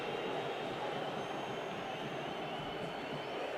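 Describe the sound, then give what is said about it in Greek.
A large stadium crowd at a football match boos in a loud, sustained roar that fills the whole stretch without pause, dense and steady rather than rising and falling, demanding a second yellow card for Montiel after a foul. “Ζητάνε δεύτερη κίτρινη, γι' αυτό οι αποδοκιμασίες.”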